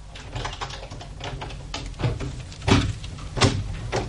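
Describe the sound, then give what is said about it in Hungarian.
A key scrapes and clicks in a lock, then a door creaks open with a couple of louder knocks and rattles, with no voices. “Fordítsátok meg a kulcsot a zárban, és az ajtó kinyílik.”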